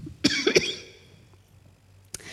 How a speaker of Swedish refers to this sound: Jag ska bara hosta lite först.